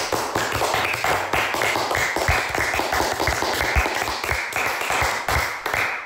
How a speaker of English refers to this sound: Let's have a round of applause for us all.